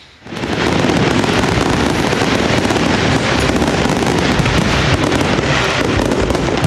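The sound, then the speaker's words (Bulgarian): A loud, dense barrage of fireworks erupts after a brief quiet start, a continuous crackling and popping roar of many overlapping bursts, with no voices audible, at a ceremonial military evening tattoo on Tsar Asen I Square before Tsarevets fortress in Veliko Tarnovo, Bulgaria, marking Bulgarian Independence Day. “С тържествена заря проверка завършиха тържествата в Велико Търново по случай 118-та годишна от отбелязването на независимостта на България.”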